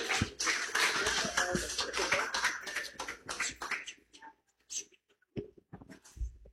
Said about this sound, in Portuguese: A igreja, vamos receber a serva de Deus com aquelas palmas de vitória, Jesus.